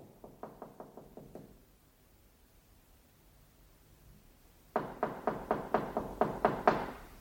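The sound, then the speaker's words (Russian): Knocking on a door in two bursts: a quiet run of about six quick raps, a pause, then a louder, more insistent series of around ten knocks. No voices. “Стучат ко мне.”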